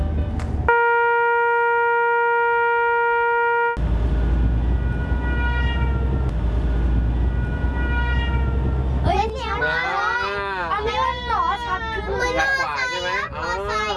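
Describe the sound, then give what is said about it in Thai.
A passing train sounds a loud, steady horn, then a heavy rumble as its tones slide slightly lower in pitch, showing the Doppler effect. Excited voices then chatter and call out over the fading noise. “นี่แหละคือปรากฏการณ์ด็อปเลอร์เอฟเฟกต์ก็คือไม่ว่าต้นกำเนิดเสียงจะขยับเองหรือคนฟังขยับเองเนี่ยมันจะมีผลต่อเสียงที่เราได้ยินทั้งคู่”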